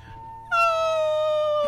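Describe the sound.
A person imitates whale song with a single loud, sustained wailing tone that starts abruptly, then holds and slowly sinks in pitch, with no speech.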